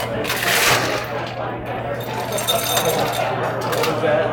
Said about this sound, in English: So now you put some ice into the glass. Okay, ice in the glass.